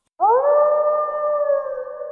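A single wolf howl rises quickly in pitch and then holds a long, steady, mournful tone, loud, with no voices around it.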